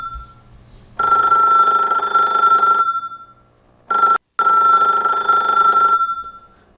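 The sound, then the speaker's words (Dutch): A telephone rings twice, each ring a loud, steady electronic trill lasting about two seconds, separated by a brief pause, with nothing else around it. “Oh, telefoon.”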